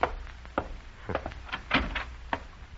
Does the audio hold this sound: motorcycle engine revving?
no